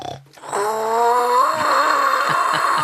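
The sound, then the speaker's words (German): A plastic bottle imitates a dinosaur's snore: after a brief quiet moment, a loud, buzzy, rumbling drone holds steady to the end, with rough low pulses throbbing beneath it. “Meinst du, wir haben irgendwas in der Lachlaborkiste, mit dem man Dino-Schnarchen nachmachen kann?”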